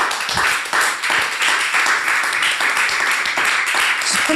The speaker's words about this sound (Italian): Gli applausi fuori scena, oltre che in studio, che potete ben immaginare.